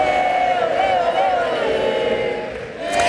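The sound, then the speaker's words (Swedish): A huge stadium crowd sings together at Lionel Messi's last international match for Argentina, in a loud, sustained chant, thousands of voices blending into one continuous swelling melody that dips briefly near the end before surging again. “Där hörde vi publiken sjunga när Lionel Messi spelade sin sista landskamp för Argentina.”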